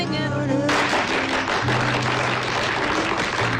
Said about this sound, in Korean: 곁에 앉았던 손님들이 박수를 보낸다.